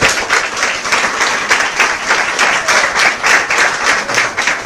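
An audience applauds steadily, many hands clapping in a dense, continuous patter that stays loud and even throughout, with no voices standing out.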